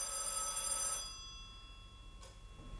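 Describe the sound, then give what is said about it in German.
A telephone bell at the Hotel Admiral rings in a bright, steady burst for about a second, a call for Commissioner Maigret, then stops, leaving quiet with a brief faint click afterward. “Sie werden am Telefon verlangt, Herr Kommissar.”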